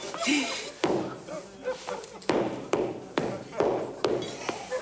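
Hammering: about seven sharp, solid knocks at an uneven pace, some coming in quick pairs, with a faint murmur and rustling in the background between the blows.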